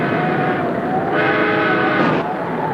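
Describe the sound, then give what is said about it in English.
A loud, sustained train horn, the back engine's signal checking that the line is safe for the express train, sounds for nearly three seconds, a rich chord of steady tones that shifts slightly in pitch partway through, with no voices. “That's the back engine signal.”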